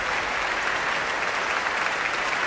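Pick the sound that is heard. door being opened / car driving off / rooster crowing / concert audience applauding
concert audience applauding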